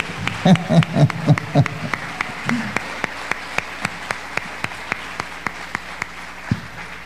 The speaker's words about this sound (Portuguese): Então aplauda o nome de Jesus mais uma vez.